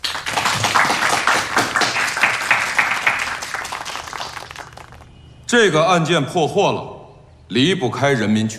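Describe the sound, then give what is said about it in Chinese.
A crowd at a meeting claps steadily for about five seconds, a dense, even patter of many hands, applauding two commended officers of the Zhenxi police station for their anti-gang results; it dies away and a man begins speaking clearly into a microphone. “让我们大家为这二位同志鼓鼓掌。”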